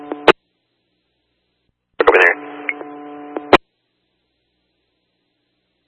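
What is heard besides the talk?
radio dispatch alert tones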